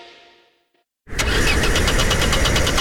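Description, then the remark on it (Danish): After a brief near-silence, a car engine abruptly starts cranking loudly, a rapid rhythmic churning that keeps grinding without settling into a smooth idle. “Med bilforsikring og vejhjælp fra GF får du hjælp, når bilen ikke vil videre.”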